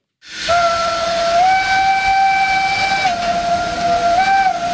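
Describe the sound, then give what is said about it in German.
The whistle of a black-green steam locomotive on the Furka mountain railway in the Swiss Alps blows loudly in one long sustained blast with a breathy hiss, its pitch wavering and stepping up slightly partway through, with no voices. “Und zwar mit einer Dampfbahn wie vor 100 Jahren.”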